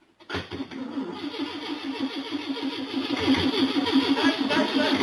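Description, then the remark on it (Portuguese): A car engine starts by itself beside the municipal cemetery of Carangola, Zona da Mata, Minas Gerais: it cranks and catches, then settles into a steady, rhythmic running rumble that grows gradually louder over a few seconds, with no voices. “eu queria colocar, se viralizou o medo, o dono do carro que ligou sozinho ao lado do cemitério em Minas Gerais.”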